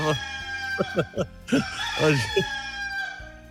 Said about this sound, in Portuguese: Olha aí, Cícera, tá cantando já o galo, viu?